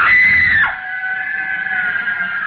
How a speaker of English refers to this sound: The girl, screaming with rage, turned on him and buried her nails in his face, using the most frightful words that ever fell from the off-scouring of a guardhouse.